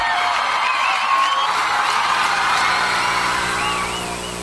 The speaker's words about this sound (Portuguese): salva de palmas pro embaixador. Pro líder!